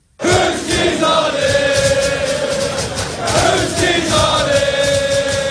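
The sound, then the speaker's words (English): A big football crowd at an Arsenal game chants "We found the keys" in unison inside a stadium after someone's lost keys were found, a loud, sustained roar of many voices with rhythmic swells, filling the whole space from start to finish. “And then they found the keys and they started chanting, "We found the keys."”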